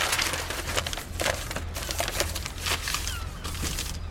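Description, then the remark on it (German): A crumpled newspaper from a wastebasket being handled and smoothed open, a steady run of crinkling and rustling with sharp crackles scattered throughout, no voices. “Aber den Papierkorb haben wir uns noch nicht vorgenommen. Da ist doch nur Müll drin. Und eine zerknüllte Zeitung.”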